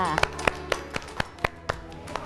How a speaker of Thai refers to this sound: ถูกต้องค่ะเด็กๆปรบมือให้ตัวเองด้วยค่ะ